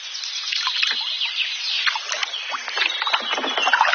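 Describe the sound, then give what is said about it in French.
Two people paddle a canoe down the river at Piquigny, one paddling on the right and one on the left, dipping and pulling through the water in a steady rhythm, with splashing, dripping and gentle lapping against the hull, no voices. “Moi, je vais pagayer à droite, tu vas pagayer à gauche.”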